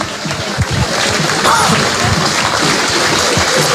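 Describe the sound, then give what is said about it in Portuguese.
A crowd claps steadily for the marcha of the Associação Olhar Encantador de Padreiro Salvador e Santa Cristina parading on the avenue, a dense, crackling wash of applause that holds at an even loudness throughout, with voices faintly audible underneath. “Eu peço uma enorme salva de palmas para a marcha da Associação Olhar Encantador de Padreiro Salvador e Santa Cristina.”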